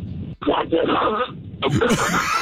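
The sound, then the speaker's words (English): A person imitates a duck call with their voice, giving a run of raspy, nasal honks that bend up and down in pitch, fairly loud, with a short pause early on. “Let's hear your best duck call.”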